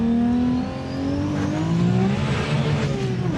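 A powerful 1600-horsepower Supra supercar engine revs loudly, its deep roar dipping briefly and then climbing steadily in pitch as it accelerates, with no voices over it.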